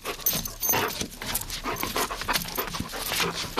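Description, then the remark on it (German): A Hovawart dog pants rapidly and steadily, breathy rhythmic huffs filling the whole stretch with no voices present. “Das ist eine Hunderasse mit schwarz-braunem Fell und Lampi-Ohren.”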